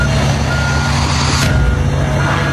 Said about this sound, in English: And they're just crushing it with a front-end loader. Crushing all the e-bikes and the scooters and the motorcycles. Squishing them.